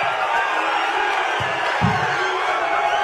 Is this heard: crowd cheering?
yes